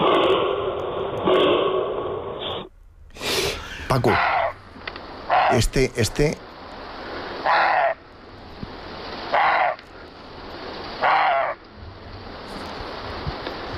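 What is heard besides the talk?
roe deer barking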